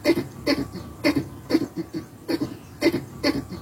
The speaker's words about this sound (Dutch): dat is afkomstig uit het egelnest in de achtertuin van Gerry Lindeboom uit Dalfsen. Ja, dit hoor je niet dagelijks.